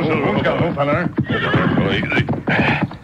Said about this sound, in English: Early the next morning in Red Rock Canyon near Clemens and Buena Vista, the Lone Ranger and Tonto pulled their horses to a halt.